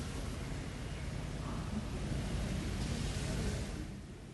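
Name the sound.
heavy rain falling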